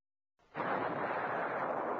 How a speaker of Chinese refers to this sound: 炮声就是命令。你没看到头顶上的炮弹吗？